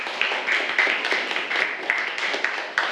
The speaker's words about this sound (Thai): ปรบมือให้กับกลุ่มแรกของเราค่ะ